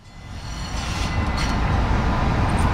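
A subway train on the T in Boston, America's oldest subway, rumbles steadily along the tracks, a loud, continuous low roar with faint metallic squeals above, building slightly as it goes and never letting up.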